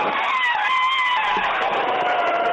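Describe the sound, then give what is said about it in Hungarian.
A person on the Hungarian radio station Rádió 1 imitates an elephant's trumpet with one loud, sustained, high-pitched blare lasting a couple of seconds, its tone wavering slightly and strained, with no talking over it. “Van egy másik állatnak a hangja is, amit tök jól tudok utánozni, az az elefánt.”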